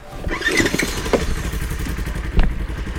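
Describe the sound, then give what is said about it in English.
A chainsaw used by a firefighter crew to cut down small trees drones steadily with a low, rumbling motor tone, broken by a few sharp clattering bursts and a louder surge near the end, with no voices present. “When we were on the other side of the tree, the chainsaw does sound like a cow.”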